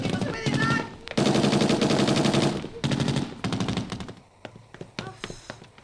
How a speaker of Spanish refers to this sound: Cerquita la vimos. Varias balas me pasaron rozando a un centímetro de mi corpachón.